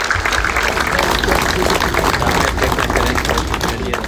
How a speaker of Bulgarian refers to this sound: Балони полетяха в чест на двете момчета, които бяха уважени и с аплодисменти.